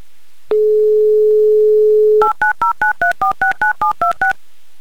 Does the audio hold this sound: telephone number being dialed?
yes